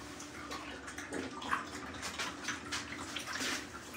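People gulping water quickly in a water-drinking contest: a steady, splashy wash of swallowing and slurping noises with irregular louder bursts, moderately loud throughout, with no talking.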